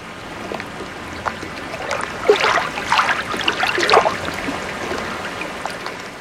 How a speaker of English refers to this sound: But for now, enjoy this generic sample of lapping water sounds.